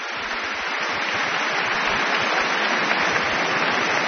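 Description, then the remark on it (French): Sustained applause from a large concert audience after the Hungarian March from Berlioz's La Damnation de Faust, as conductor Michel Plasson returns to bow with the Orchestre du Capitole de Toulouse: a dense, steady wash of clapping that holds at an even, fairly loud level throughout, with no voices. “Et les applaudissements ne faiblissent pas.”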